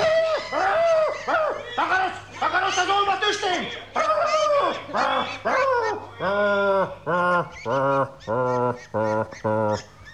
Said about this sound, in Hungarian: Ne háborgasd a kacsákat. Úgy, lubickoljatok csak. Veletek semmi baj nincs, amíg a pocsolya ki nem szárad.